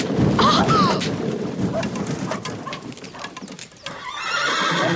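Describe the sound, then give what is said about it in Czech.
A runaway horse pulling a small carriage bolts toward water: it whinnies near the start, then hooves clatter in a quick, uneven rhythm, fairly loud, ending in a burst of hissy rustling. “A kůň letí přímo k vodě.”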